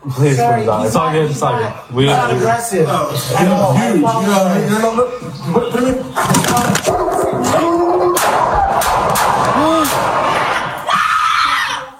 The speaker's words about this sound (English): Four gunshots.